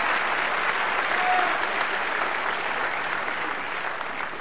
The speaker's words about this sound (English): Brothers and sisters, these are the regional ministers of the Nation of Islam. Please give them a big warm round of applause.